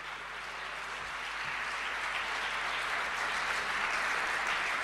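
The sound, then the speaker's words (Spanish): Sustained crowd applause for a Chilean singer-songwriter, a dense wash of many hands clapping that holds steady and swells slightly louder toward the end, with no voices over it. “Un fuerte aplauso para ….”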